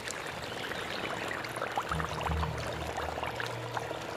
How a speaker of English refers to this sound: Heavy rain brings flooding. Anything living the low life might find itself in too deep.